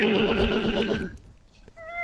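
A horse whinnies loudly and close by, a drawn-out, quavering neigh lasting about a second before fading, followed by a softer high tone as the sound trails off.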